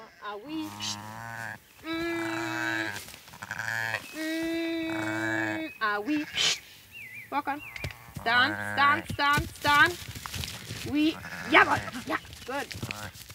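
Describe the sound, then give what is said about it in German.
Several loud sheep bleats ring out in quick succession, some long and wavering, others short and overlapping, with shuffling and movement noises, from a ewe and her lamb kept overnight in a pen. “Das junge Schaf ist reizbar.”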